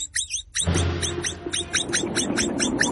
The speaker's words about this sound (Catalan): No són els falcons. Era una capibara.